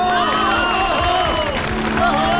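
A large audience claps steadily in a dense, continuous wash of applause, with a few voices rising through the crowd noise.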